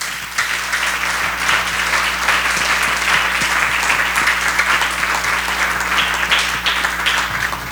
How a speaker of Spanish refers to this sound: Primeramente vamos a hacer una ofrenda de palmas a nuestro Dios.